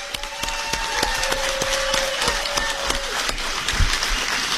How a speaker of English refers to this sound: We've got a good crowd here. Everybody give Susan Collins a round of applause.